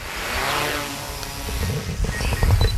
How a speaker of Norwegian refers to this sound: Dette da lyden av en drone som letter I Gjerpensdalen I Grenland